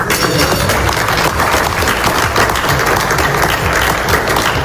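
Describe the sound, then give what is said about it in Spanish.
Sustained applause from a crowd, dense and steady throughout, with many hands clapping at once in a continuous loud wash of sound, at Donald Trump's signing of an agreement at the Palace of Versailles, France, during the G7 summit, with President Macron applauding beside him. “Este era el momento de esa firma que aplaudía a su lado el presidente Macron.”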